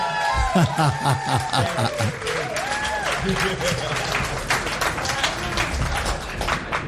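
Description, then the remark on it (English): A crowd at a live music show claps steadily and loudly for several seconds, with scattered cheers, whoops and some chuckling mixed into the dense, continuous applause, for drummer Anwar Marshall. “Let's hear for Anwar Marshall on the drums.”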